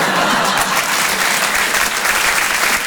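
Sustained, dense applause from a comedy club audience, a steady loud wash of many hands clapping with no gaps, filling the whole stretch without any voices standing out.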